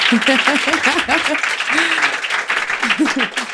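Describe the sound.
Steady applause from an audience, a dense, loud patter of many hands clapping throughout, with a voice or two briefly calling out over it.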